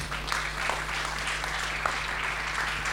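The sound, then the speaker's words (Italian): A crowd claps steadily as a plaque is presented to the Associazione Nazionale Carabinieri, Liguria regional Civil Protection unit: a dense rattle of many hands spread evenly across the full length with no pauses, held at a moderate level and never building or fading. “Eccoci qua, ci siamo, un bel applauso.”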